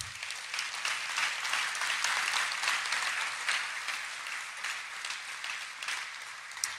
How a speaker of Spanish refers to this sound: Un aplauso para Dios.